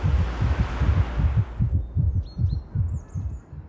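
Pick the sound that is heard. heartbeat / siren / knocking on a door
heartbeat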